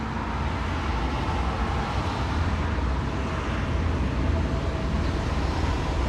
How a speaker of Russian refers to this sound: Звук трамвая у завою.